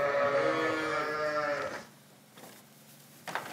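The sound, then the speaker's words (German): A loud, drawn-out bleat from Basco-Béarnaise dairy sheep fills the first couple of seconds as nearly 150 of them crowd into the milking parlor, followed by quieter shuffling and clattering with a brief clank near the end. “Alle auf einmal drängen sie in den Melkstand. Knapp 150 Tiere sind es. Schafe der Rasse Basco-Bernays, baskische Milchschafe, deren Milch besonders viele Inhaltsstoffe hat.”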